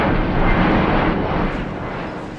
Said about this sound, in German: Der Blick in den Himmel von Delhi vermittelt derzeit noch ein anderes Bild. Tag und Nacht kann man annähernd im Minutentakt Flugzeuge beobachten und hören.